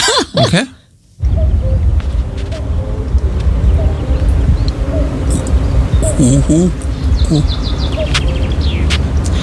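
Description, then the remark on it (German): A common cuckoo calls amid dense forest ambience, with other small birds chirping and a steady outdoor hiss underneath; the calls are brief and moderate in loudness. “Genau, also das ist ein Kuckuck”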